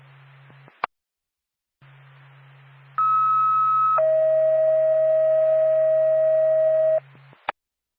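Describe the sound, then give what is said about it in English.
Radio dispatch alert tones for the Whitefield ambulance: a loud steady higher tone for about a second, then a longer lower tone for three seconds, over faint radio hiss and hum, with squelch clicks before and after. “Four pack Whitefield ambulance, standby for tone.”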